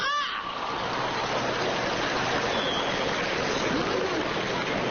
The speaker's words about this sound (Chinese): 我谢谢为我鼓掌的同志们。 怎么了？ 我觉得刚才鼓掌的同志都跟我有过同感。